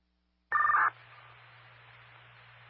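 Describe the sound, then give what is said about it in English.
A single short burst of a telephone keypad tone, bright and electronic, as a radio dispatcher patches a caller through to a cell phone, followed by steady radio-like hiss and a low hum. No one speaks. “I'll be patching that person to your cell phone.”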